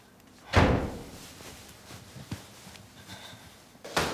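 A door is shut against a draught with a loud slam, followed by a few smaller knocks and rattles, then another sharp thud near the end. No one speaks.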